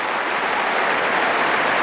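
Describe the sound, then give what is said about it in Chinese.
A crowd of tennis spectators applauds steadily, a dense, even wash of many hands clapping with no pauses and no voices standing out. “现场的观众也是报以热烈的掌声啊。”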